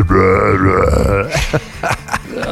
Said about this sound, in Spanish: que no es buena idea estar eructe y eructe lo más duro que puedas porque los esfínteres del intestino y el estómago se van aguadando como resorte de calzón. Entonces se aflojan. Se aflojan de tanto que lo estás forzando.